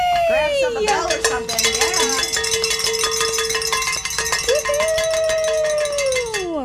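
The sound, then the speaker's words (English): A bell is rung rapidly and continuously to celebrate reaching a fundraising goal, loud metallic strikes piling into a bright, ringing clatter, while a voice cheers with long sliding whoops underneath. “Grab some bell or something.”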